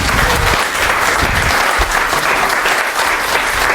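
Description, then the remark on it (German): A large audience claps steadily and loudly with both hands to encourage a shy performer to come out, a dense, continuous roar of hands throughout with no pauses. “So richtig so, wenn ihr in beide Hände klatscht, ist das sogar lauter, ne?”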